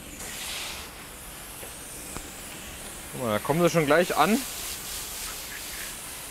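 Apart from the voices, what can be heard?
water spraying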